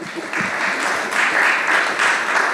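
An audience claps steadily in a dense, continuous wash of applause that holds at a fairly loud level for a few seconds, with no voices cutting through.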